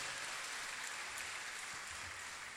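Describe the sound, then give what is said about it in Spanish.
Steady applause from a church audience for nine people making their first communion, a dense, even wash of many hands clapping that holds at a constant level for a couple of seconds, with no voices standing out. “Hermanos, les damos un fuerte aplauso.”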